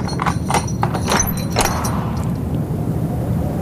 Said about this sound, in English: Well-oiled hinges. Now he's going. That's mad. Unlocking a door at dusk. And leaving it ajar.